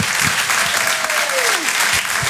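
Steady applause from the audience at the Rire et Chanson Comedy Club welcoming a comedian, dense clapping that fills the whole clip at a loud, even level, with a faint whistle-like tone gliding downward partway through.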